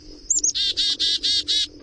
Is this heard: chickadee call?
yes